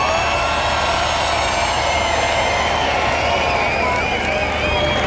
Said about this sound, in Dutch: Dames en heren, hartelijk applaus voor deze jonge man.